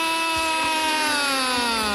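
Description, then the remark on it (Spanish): A vuvuzela blares one loud, continuous buzzing note for the whole stretch, a harsh brassy drone rich in overtones whose pitch sags slightly lower by the end, sounded to celebrate a goal by Colombia. No voices are heard. “¡Que suene la bubucera!”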